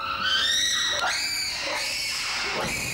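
Monkeys scream loudly and continuously, shrill piercing calls overlapping with rising and falling pitch, with no speech; the calls pass between monkeys sitting outside and monkeys inside that are being fed.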